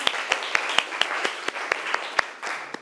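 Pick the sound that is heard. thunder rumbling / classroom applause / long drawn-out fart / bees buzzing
classroom applause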